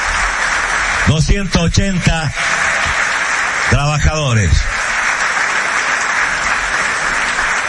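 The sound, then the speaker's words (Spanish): Steady, dense audience applause for the workers who did the construction fills the whole stretch, a loud even wash of clapping, while a man's voice speaks briefly over it twice. “Un fuerte aplauso, la verdad, para todos ellos,”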